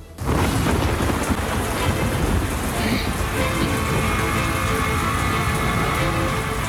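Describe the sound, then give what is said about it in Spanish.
Heavy London rain pours down steadily in November with a deep rumble of thunder rolling underneath, a dense, constant roar from start to finish, in Radioficción's radio drama of Arthur Conan Doyle's The Lost World. “La lluvia londinense arreciaba.”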